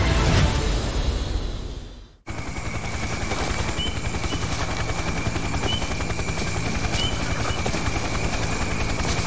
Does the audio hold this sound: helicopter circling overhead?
yes